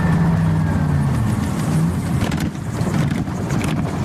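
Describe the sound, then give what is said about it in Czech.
A loud, steady engine drone from a flying car in flight at 160 over Prague's Letňany, with a low humming tone and broad rushing noise that wavers slightly throughout. “A jsme ve vzduchu, letíme 160 a na plnou 70-litrovou nádrž můžeme letět až 6 hodin.”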